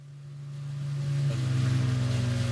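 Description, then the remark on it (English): A boat engine hums steadily and grows louder as the boat comes ashore on a desert island, its low droning tone shifting pitch partway through, with a faint splashing wash of water beneath. “Coming ashore on a desert island. There is boat.”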